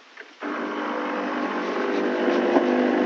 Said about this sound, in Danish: Ja, måske så kan du høre, hvad det er. Det er kaffemaskinen.